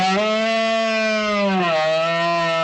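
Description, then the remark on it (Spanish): A red deer stag bellows during the autumn rut (la berrea) among oak woods and ravines in the Sierra de Albarracín, Aragón, in one long, loud, sustained call that stays steady in pitch, then dips and carries on lower toward the end. No one speaks. “con un sonido salvaje y milenario, el de los bramidos de los ciervos en celo que anuncian la berrea entre robledales y barrancos.”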